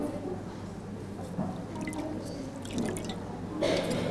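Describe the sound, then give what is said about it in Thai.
Sprouted water spinach seedlings are rinsed under running water to wash soil off their stems, a steady wet trickle and patter with dripping, swelling into louder splashy surges every second or so. “ล้างน้ำให้สะอาดก่อน1รอบนะคะเพื่อล้างดินที่เกาะอยู่ตามลำต้นแล้วก็ใส่ในภาชนะใส่ในภาชนะที่เตรียมไว้นะคะ”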